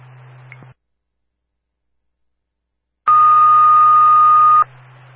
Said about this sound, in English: Westwood, dispatch on the air, testing tones for the Ashley, Carolina, and Hope Valley Fire Departments. 1900 at the time, Dupin Arrow 555.